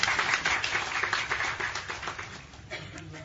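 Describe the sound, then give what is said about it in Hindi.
A crowd claps together in dense, steady applause to celebrate the birthday of Swami Chidambaranand ji Maharaj, many hands at once, with the sound easing slightly toward the end. “तो हमारे गुरुदेव के साथ सब लोग तालियों के साथ उनके जन्मदिन के लिए भी आनंद मनावे।”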